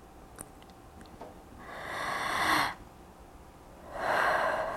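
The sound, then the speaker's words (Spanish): Two deep, breathy rushes of air as a person breathes deeply through an open mouth, each lasting about a second with a pause between, fairly loud against a quiet background. “Pues respiración profunda por la boca. Profunda, eso es todo.”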